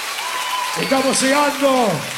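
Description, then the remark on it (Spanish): Steady crowd applause fills the whole stretch, a dense even patter, while a loud voice calls out over it partway through, in a live Radio 3 broadcast from Caseros, Entre Ríos, Argentina. “¡Los aplausos bien fuertes!”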